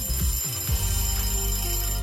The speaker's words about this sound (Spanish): ¿Alguna vez programaste un despertador de Radio Disney? Si no, escucha esto.